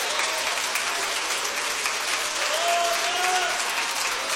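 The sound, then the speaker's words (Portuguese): A church audience claps steadily throughout, a dense wash of applause at an even level, with a faint voice or tone rising briefly in the background. “Pode aplaudir, pode.”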